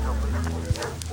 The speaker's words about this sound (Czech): Nasadili taky psy, ty štěkali a kňučeli po celém městě.